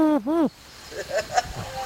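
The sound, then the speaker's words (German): A person's voice imitates a wood pigeon's cooing with two loud, rounded hooting notes that rise and fall, followed by quieter murmuring and faint background chatter. “Ja, ich bin die größte Ringeltaube.”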